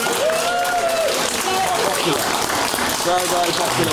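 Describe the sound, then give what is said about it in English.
Sustained applause from the audience in the room at a debate, steady and fairly loud throughout, with a few voices calling out and cheering over the clapping, in answer to whether the national anthem should be sung before council chambers. “All right, round of applause in the room if you think you should sing the national anthem before council chambers.”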